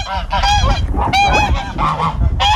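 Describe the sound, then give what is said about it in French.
Several geese on a farm honk loudly, their harsh, nasal calls overlapping in a continuous noisy chorus with no talking. “J'ai le cochon, j'ai les oies, les lapins et des moutons.”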